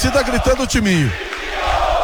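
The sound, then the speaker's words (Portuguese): A football crowd chants the taunt "timinho" in unison at a match between Caçador and Internacional, a few loud drawn-out syllables falling in pitch, then fading into a steady background roar of the stadium. “E a torcida gritando o timinho.”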